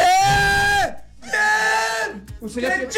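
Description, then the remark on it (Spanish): A man shouts loudly and excitedly in long, sustained bursts, three yells with brief pauses between, his voice strained, with a slightly compressed, phone-like quality, during a phone call from the radio station Los 40 Caracol. “Grite, grite, grite. Está emocionado, grite.”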